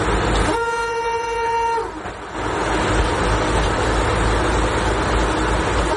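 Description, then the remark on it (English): A streamlined, bright red Tatra train, the Slovenská strela (Slovak Arrow) built in Czechoslovakia for a fast connection between Prague and Bratislava, rumbles steadily along the rails with loud, continuous clatter and noise, while a sustained horn blast sounds near the start for about a second before the running noise carries on alone. “Inspired by a rare journey aboard the iconic train”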